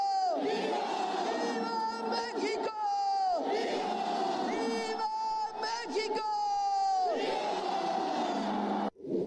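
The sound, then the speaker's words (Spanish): A huge crowd roars "¡Viva México!" in unison during the Mexican independence cry ceremony led by the president of Mexico from the National Palace, repeated rallying shouts swelling and falling in waves over a dense, continuous wall of cheering voices, loud and reverberant as if filling a vast open square. “se convirtió en la primera mujer que, como presidenta de México, encabezó la celebración del grito de independencia desde Palacio Nacional. ¡Viva México!”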